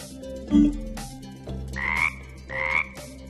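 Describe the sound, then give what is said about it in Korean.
A frog croaks loudly three times in a slow, uneven rhythm, each call a buzzy, resonant note, with a soft musical backing underneath and no voices; it is heard when a red button is pressed. “빨간색 버튼을 누르니까 개구리가 튀어나왔어.”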